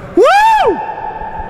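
A single loud, sustained shout swells up and falls away in pitch, then a faint ringing tail lingers afterward, like the call reverberating through a big open space.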